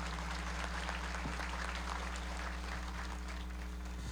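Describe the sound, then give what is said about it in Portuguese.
An audience in a parish church claps steadily to welcome a priest and a group of visitors from Parnamirim, in a dense, continuous wash of applause, fairly quiet overall, with a low steady hum running underneath and no voices standing out. “hoje nos alegramos nos acolhendo o senhor e toda a caravana que veio de Parnamirim com a salva de palmas.”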